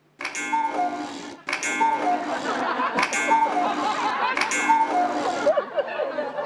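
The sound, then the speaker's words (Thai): A cuckoo clock on the second floor of a house chimes in four evenly spaced bursts, each a bright ringing strike with a two-note tone that lingers. It is fairly loud, with a busy background behind it. “นาฬิกากุ๊กกูดังขึ้นได้ยังไงอ่ะ กุ๊กกูกุ๊กกู”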